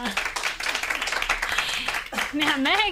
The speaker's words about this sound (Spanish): ¡Un aplauso para ella!